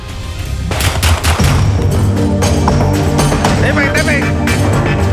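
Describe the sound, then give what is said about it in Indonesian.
Several sharp, loud gunshots crack out at irregular intervals as police fire warning shots into the air while arresting a fleeing house burglar in Makassar, South Sulawesi, Indonesia, on a Thursday night, over a chaotic, noisy scene with people shouting and commotion continuing throughout. “Aparat kepolisian terpaksa melepaskan tembakan peringatan ke udara dan bergulat dengan pelaku pembobolan rumah yang hendak kabur saat ditangkap di Kota Makassar, Sulawesi Selatan pada Kamis malam.”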